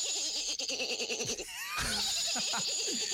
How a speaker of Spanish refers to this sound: Está el caballo también. Ah, caballo. Ah, muy bien. Bien. Con el nicho del caballo. Qué lindo el caballo, nena.